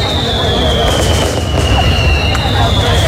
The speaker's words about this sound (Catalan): És una mica el que he intentat fer amb aquestes interferències al mig del carrer que passem cada dia, diguéssim. Sí, sí. Celebrar la vida amb petards, per exemple.